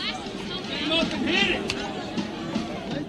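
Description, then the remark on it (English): Dense crowd hubbub fills a large stadium at a football game, a steady wash of overlapping voices and chatter with occasional louder swells, continuous throughout. “I'm turning the crowd up.”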